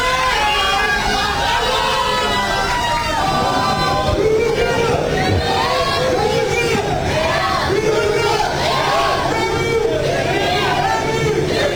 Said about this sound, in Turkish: Kafileyi otel girişinde Türk taraftarlar bayraklar ve tezahüratlarla destekledi.